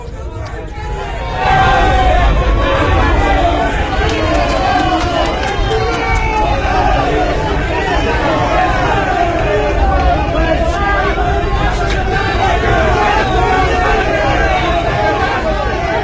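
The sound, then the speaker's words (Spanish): A large stadium crowd roars continuously with overlapping shouts and booing as Unión San Felipe leaves the pitch after a 0-0 match against Recoleta, a loud, dense wall of voices that swells after the first second and stays steady throughout. “Bueno, esa es la despedida de Unión San Felipe desde la cancha, entre pifias, entre gritos, entre la sensación de molestia de la gente, en este partido que ha terminado a cero con Recoleta”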